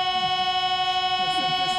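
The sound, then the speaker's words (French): The grand pipe organ of Nice cathedral holds a dense, steady chord for the whole stretch, a bright, slightly sour drone reminiscent of a Paris metro door-closing chime, with faint murmuring underneath. “Là, on a l'impression d'être dans le métro parisien quand les portes se referment.”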